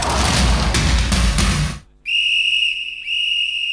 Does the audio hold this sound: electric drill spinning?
no